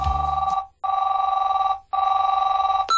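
A telephone rings in two long bursts separated by a short pause, a steady warbling electronic trill that is loud, with no voices.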